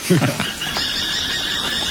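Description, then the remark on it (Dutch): Thin, high-pitched calls of a pair of falcons, which have taken over an old nest of another bird of prey or a crow nearby, come in a drawn-out, repeated series, with a person's voice speaking briefly at the start. “Hé, en hoor je dat? Dat is een paardje valken.”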